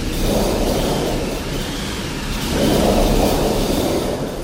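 A theatrical thunder sheet of rattling metal, one of four sound-effect machines at an exhibition, makes a continuous, loud rumble that swells twice, rolling and roaring like thunder, with no voices present.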